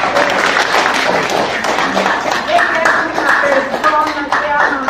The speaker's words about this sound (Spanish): Ella, un aplauso para ella.